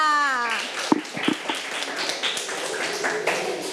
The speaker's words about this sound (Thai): เก่งมากค่ะนักเรียนกลับไปนั่งที่ได้เลยค่ะปรบมือให้สถานการณ์ที่หนึ่งค่ะ